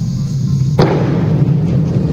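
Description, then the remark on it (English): A single explosion about 3 or 4 miles away booms out, recorded by a camera, a sharp onset followed by a long, low rolling rumble that lingers and fades over a steady background hum. “And this is what it sounds like from several miles away.”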